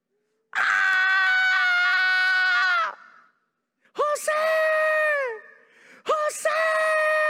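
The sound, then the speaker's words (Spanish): A loud, sustained wailing scream of lament, followed by two more anguished cries that break and fall off like sobbing, each long, with brief pauses between them. “Se escucha un grito, como dijo el salmista Stanislao Marino. Un lamento, un sollozo”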